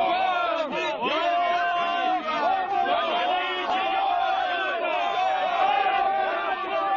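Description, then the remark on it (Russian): An angry crowd of congregants turned against Jesus shouts and yells all at once, many overlapping voices forming a dense, continuous roar of hostile cries that stays loud throughout. “Прихожане превратились в озверелую толпу.”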